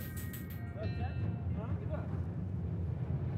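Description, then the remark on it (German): A steady, heavy rumble of strong wind buffeting a freight train running between Nouadhibou and Zuerat, with creaking and rattling from the swaying freight wagons where travellers sit, and faint, indistinct voices in the background. “Der Wind ist stark und die Waggons wackeln.”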